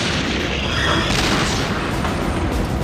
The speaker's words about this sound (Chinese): 随着一声爆炸，我看见车上的一条履带被炸上了天，接着又飞来一枚炮弹，直接就掀掉了坦克的车顶，然后是第三发炮弹击穿了坦克的后部，我们当场就动不了了。